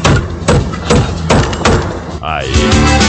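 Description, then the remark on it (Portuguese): About five loud, sharp hammer blows on wood land at an uneven pace, demonstrating hammering for the Cremac lumber yard. Then a warbling tone and voices follow. “Aí, se você ir na Cremac, tem que bater o martelo assim, ó.”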